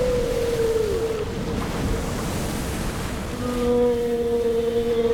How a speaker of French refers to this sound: Mais plus la baleine poussait, plus notre bateau s'approchait des côtes et plus la mer, gonflée de rage, rugissait, luttait.